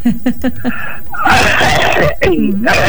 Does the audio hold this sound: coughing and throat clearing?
yes